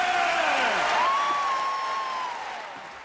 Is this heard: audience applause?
yes